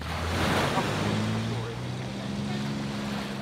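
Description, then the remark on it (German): A steady low engine drone from a passing ferry hums beneath a constant rush of water and wind, with the wash of its waves surging loudly throughout. “Achtung, da kommt die Fähre. Wir müssen auf die Wellen achten.”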